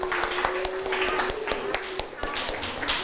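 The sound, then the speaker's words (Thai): A group of children clapping in a math classroom for student group 5 after it answers a problem, a scattered, uneven patter of claps at moderate loudness over a steady low hum, with some voices murmuring underneath. “คนอื่นที่ทำข้อ1ถูกต้องไหมครับถูกต้องใช่ไหมครับปรบมือให้กลุ่ม5หน่อยครับ”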